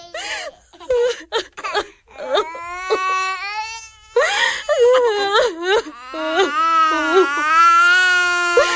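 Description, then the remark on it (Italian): Small children crying and wailing at night as their family must leave their home, sobbing in broken bursts at first, then rising into long, sustained high-pitched cries that overlap and continue without pause. “Niente, non succede niente, bambini. Dobbiamo solo cambiare casa, non piangete.”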